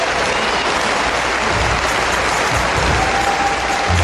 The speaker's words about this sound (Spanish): Un aplauso fuerte al Rey de Reyes. Gloria a Dios.